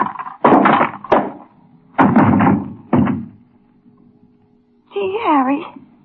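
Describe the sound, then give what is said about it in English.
A series of heavy, dull blows, two close together and then two more, as a man is struck on the head with a paperweight and knocked unconscious, followed by a brief pained vocal cry. “Harry, you knocked him cold. Dumb cluck. Pick up the phone, Dolly. Yeah. What'd you hit him with? Just a paperweight.”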